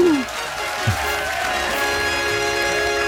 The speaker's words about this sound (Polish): No znowu, brawo. Oczywiście, że tak. Brawa, oklaski, fanfary od krasnoludków.